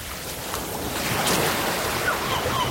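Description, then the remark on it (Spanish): Waves break on a stony shore with the hiss of pebbles rolling back, a continuous, fairly loud wash of surf that swells once midway. No one speaks. “Olas rompiendo sobre las piedras, gaviotas, un viento suave y de fondo conversaciones lejanas de familias.”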